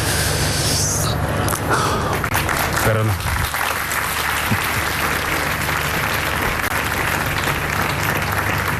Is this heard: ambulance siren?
no